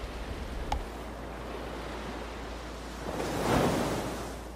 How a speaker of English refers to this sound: Whenever I'm in stressful situations or places I don't want to be, I can literally turn to the sound of the waves and feel that place of calm and peace and really where I want to be.